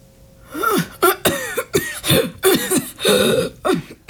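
A prolonged coughing fit: about eight harsh, hacking coughs in rapid, uneven succession, close and fairly loud, with a throaty, strained edge and no speech.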